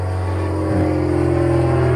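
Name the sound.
airplane flying overhead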